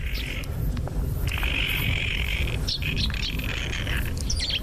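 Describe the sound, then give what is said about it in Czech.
A spotted nutcracker's song played back, with long buzzy high-pitched phrases and a few sharp chirps, repeating over a steady low rumble of background noise. “Evo, pustit ćemo njeno oglašavanje da se čuje kad pojačamo.”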